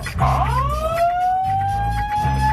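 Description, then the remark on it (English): A comedic 'dry hump alarm' siren sound effect rises in a steady upward sweep and holds a high whine, with a pulsing low throb repeating beneath it throughout. “The dry hump alarm.”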